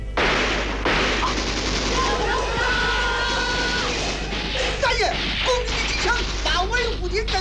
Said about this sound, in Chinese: 听到威虎厅外枪声大作